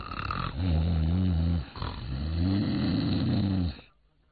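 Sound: voice imitating snoring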